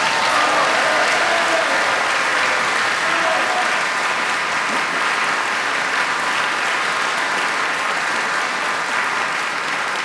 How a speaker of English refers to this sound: Thank you, James. Give James an extra applause.